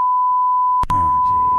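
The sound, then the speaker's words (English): A steady, unbroken censor beep hides an address in a 911 dispatch recording of a cardiac arrest call. The beep holds for the whole moment, loud and piercing, while a couple of sharp clicks and a muffled, radio-like dispatch voice come in underneath partway through. “His address got get beeped out.”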